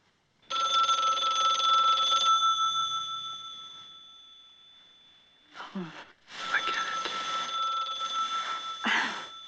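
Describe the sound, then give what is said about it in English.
A loud telephone bell rings with a sustained metallic trill that slowly fades, then rattles back in with fresh bursts of jangling ringing. “She steps away and composes herself, then answers the phone.”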